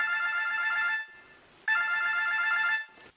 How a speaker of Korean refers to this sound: 어느 날 새벽 2시경에 110 구조대에 이런 전화가 걸려왔습니다.